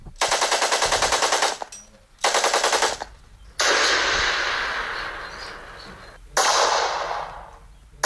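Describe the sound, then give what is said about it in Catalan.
Rapid bursts of machine gun fire from a historical reenactment of Spanish Civil War combat at old defensive positions in Vilamur, Pallars Sobirà, rattle out in three long, loud volleys separated by short pauses, with a broad roar of gunfire and echo filling the stretch between bursts. “S'hi ha fet una recreació històrica que reprodueix la vida i els combats als antics sistemes defensius”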